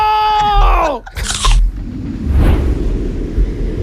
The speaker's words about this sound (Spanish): Y entonces, por fin, ¡Eva muerde la manzana!